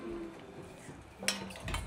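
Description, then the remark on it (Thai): A metal pot is set down on the stove with a single clanking knock, followed by faint scraping and kitchen clatter, as a cook gets ready to dry-roast freshly made tom yum paste. “ใช่ครับเครื่องต้มยำเราเสร็จแล้วเราก็จะตั้งหม้อต้มเลยครับนี่คือเราจะคั่วเครื่องครับ”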